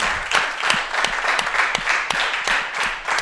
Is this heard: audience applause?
yes